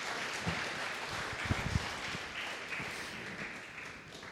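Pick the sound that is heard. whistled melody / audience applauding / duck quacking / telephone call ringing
audience applauding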